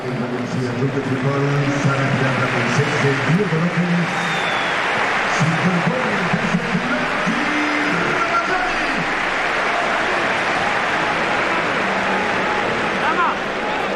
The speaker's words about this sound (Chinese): 现场的观众呢也是给了迭戈洛佩斯和拉马扎尼掌声。